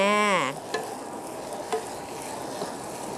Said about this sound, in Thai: จากนั้นเมื่อเราผัดเสร็จเรียบร้อยแล้วเราต้องทำการปิดกระทะ